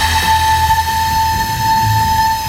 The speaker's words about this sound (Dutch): Maar het is dus een blokfluit uit Dordrecht dit. Ja. En met dit geluid gaan ze dus met AI aan de slag. En uiteindelijk moet het dan tot een soort bespeelbare fluit leiden.